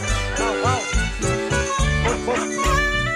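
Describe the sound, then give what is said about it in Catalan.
A dog named Roure whimpers and lets out short yelping barks in a rising-and-falling series over about three seconds, with low voices murmuring underneath. “Aquesta bellesa de gos sí.”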